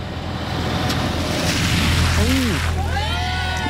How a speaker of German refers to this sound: Tiefe Pfütze am Straßenrand. Du bist auf dem Gehweg und ein LKW oder auch ein anderes großes Auto fährt da durch und macht dich nass.